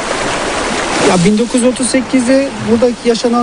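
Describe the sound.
A steady rush of flowing water from the Munzur river, at the riverbank near the small town of Ovacık, fills the scene, heard alone at first, then continuing underneath as a man begins speaking.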